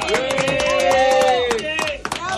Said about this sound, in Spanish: Señoras y señores, argentinas y argentinos, el aplauso para la selección.